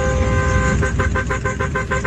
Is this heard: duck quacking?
no